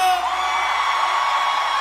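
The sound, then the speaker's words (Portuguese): An audience, asked by a performer to make noise, cheers loudly and steadily. High whoops and yells rise above a dense wash of voices, sustained at a constant level without pause. “Que gostou, faz barulho!”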